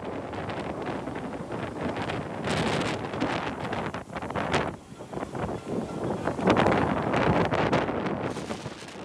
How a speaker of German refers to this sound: Der Sturm nimmt schnell an Stärke zu. Wo am Vortag noch Menschen in den Strandkörben saßen, ist vom Strand in Kiel-Schilksee nichts mehr übrig.